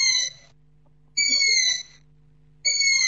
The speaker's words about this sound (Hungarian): Az állatot Kuviknak gondolták, de Orbán Zoltán madártani szakértő érdeklődésünkre elmondta, hogy másféle fajról van szó. Ez az erdei fülesbagoly fiókának az eleségkérő hangja.